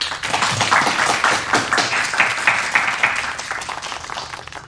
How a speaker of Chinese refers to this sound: 让我们大家为这二位同志鼓鼓掌。